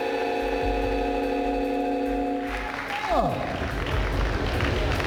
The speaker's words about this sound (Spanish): presidente Abelardo de la Espella ya acaba de recibir la banda presidencial de manos del presidente del Senado. Aplauso cerrado en el auditorio USC Arena.